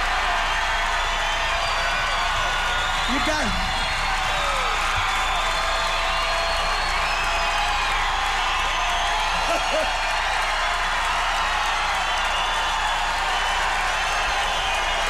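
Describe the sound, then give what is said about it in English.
A large audience on a live record cheers and applauds in a steady, dense roar of clapping and shouting voices that holds at a loud, even level throughout, with occasional whoops rising above the crowd noise. “on it, the audience was at least twice as loud as the band, you see?”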